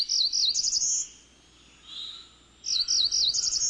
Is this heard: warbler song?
yes